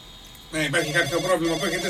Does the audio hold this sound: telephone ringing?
yes